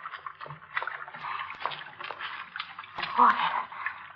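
Water drips and trickles in a sewer, echoing, with scattered splashy drops over a steady wet, gurgling wash, moderately loud.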